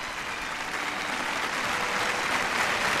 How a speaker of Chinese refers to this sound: 晴露天剧场举行了一场盛大的音乐烟火晚会。吕思清作为第一位登上这个舞台的中国音乐家，拉响了《梁祝》的第一个音符，全场立即响起了热烈的掌声。